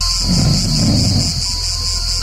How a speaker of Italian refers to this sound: Oh, oh! Cos'è questo rumore di 100 cicale? Oh no! Verrà da fuori.